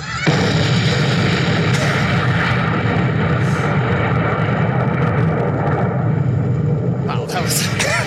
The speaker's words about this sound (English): That's it. It's just a long, A long explosion. It's just a long explosion that trails out over time.